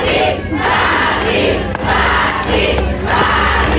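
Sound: audience applauding and cheering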